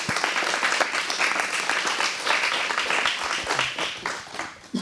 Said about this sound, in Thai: ขอเสียงปรบมืออีกครั้งให้กับนักแสดงและนักร้องของพวกเราด้วยค่ะ